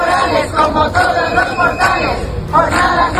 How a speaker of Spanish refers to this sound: Desde las 12, los sindicatos médicos se manifiestan en el inicio de una nueva semana de huelga para reclamar su estatuto marco.